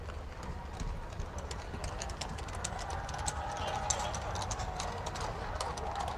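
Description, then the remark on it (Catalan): Many horse hooves of the mounted Royal Guard clip-clop as it leaves the Palace by Almudena Cathedral in Spain during a papal visit, a steady, overlapping clatter of sharp taps over a constant murmur of a large crowd bidding it farewell and chanting, with the hoofbeats continuing throughout. “En tot cas, ara sí que sentim a molta gent acomiadant la Guàrdia Real a cavall, que abandona, i els càntics de la gent.”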